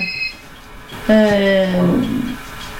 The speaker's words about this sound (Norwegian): Nå ringer telefonen her også.